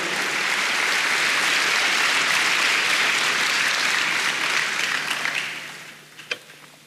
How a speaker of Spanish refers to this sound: Dale un aplauso al Señor, hermanos.